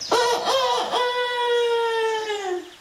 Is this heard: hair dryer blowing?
no